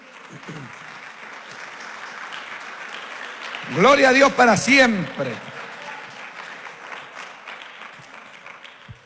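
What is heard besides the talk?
audience applauding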